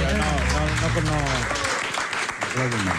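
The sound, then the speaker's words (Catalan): An audience applauds Meg Ryan steadily for about three seconds, a dense wash of clapping with voices talking over it throughout. “Bueno, Meg Ryan, un aplaudiment.”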